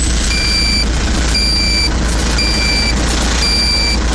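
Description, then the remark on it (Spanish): A reversing alarm beeps steadily, four evenly spaced tones about a second apart, over a loud, constant rumble of heavy engines and traffic noise. “Precaución ahí porque hay tráfico pesadito ahí.”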